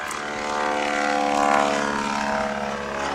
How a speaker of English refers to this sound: There goes the Ford Trimotor. The good old Trimotor.